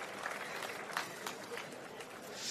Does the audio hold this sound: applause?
yes